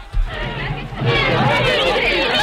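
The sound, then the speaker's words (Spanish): A lively studio audience on the set of Canal Bahía Televisión chatters and murmurs all at once, a dense wash of overlapping voices that swells louder after the first second and stays steady, with no single speaker standing out. “Bueno, querido público de Canal Bahía Televisión que nos veis desde vuestras casas o los que estáis aquí en el plató. Un momento de calma, por favor.”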